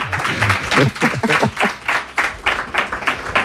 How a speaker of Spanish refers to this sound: Bueno, un aplauso.